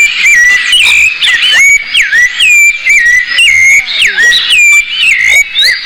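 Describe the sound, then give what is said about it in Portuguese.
A sabiá thrush sings a continuous, loud string of clear, whistled phrases, with swooping and sliding notes in a bright, high register repeated in varied, flowing patterns. “Eita, canto do sabiá, lindo por demais a cada amanhecer.”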